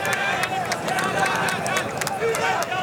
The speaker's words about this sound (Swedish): Ni hör den samlade marockanska publiken. försöker klappa fram sina landsmän nere på planen.